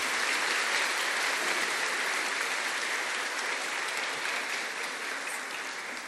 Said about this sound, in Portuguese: Então eu peço para eles também uma calorosa salva de palmas, de gratidão.